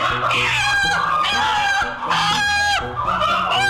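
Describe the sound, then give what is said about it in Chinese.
A flock of free-range native chickens at a local farmer's home squawks and clucks in the backyard, loud overlapping calls rising and falling continuously with no pause and no one speaking. “这几天不熟络，这旁边 看看，在后院园里面都是鸡。”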